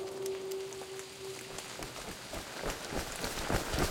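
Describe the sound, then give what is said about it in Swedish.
Quick, hurried footsteps of two children in rain jackets running as fast as they can in the rain, a rapid patter of steps that grows busier and a little louder toward the end, set against a steady background hiss. “Elsa och Kalle springer det fortaste de kan.”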